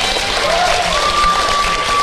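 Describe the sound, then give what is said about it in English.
A studio audience applauds steadily, a dense wash of clapping that stays loud and even throughout, with a thin whistle-like tone rising and then holding above the noise. “Round of applause to everyone.”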